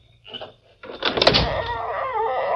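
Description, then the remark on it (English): A door opens with a brief clunk of the latch, then a drawn-out, wavering hinge creak that carries on to the end. No one speaks. “And open the door.”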